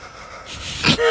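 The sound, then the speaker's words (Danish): Uneven breathing, ending in a sharp, noisy gasping inhale and then a brief voiced exhale, shaky as if someone is shivering from cold. Nobody speaks. “Prøv min vejrtrækning.”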